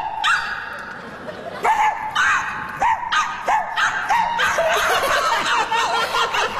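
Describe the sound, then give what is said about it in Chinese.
Two people mimic a dog's barking for a grandchild with a string of short, punchy woofs that quicken and overlap toward the end, while laughter bubbles up underneath. “什么俩狗啊？那是我和他，我们俩人。”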